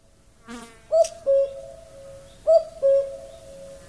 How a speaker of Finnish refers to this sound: Ja sitten kun vähän googlaili ja kyseli, niin käkihän se oli. Herranen aika käki. Käki minun parvekkeella Helsingissä, Mannerheimintien välittömässä läheisyydessä.